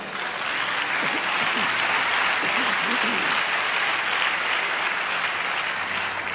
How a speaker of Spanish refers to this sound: Dale un aplauso a Dios.